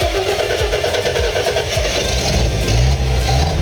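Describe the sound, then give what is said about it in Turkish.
A car engine cranks and catches, then settles into a steady, loud idle with a low rumbling throb. No one speaks. “Gördüğünüz gibi sesi efsane.”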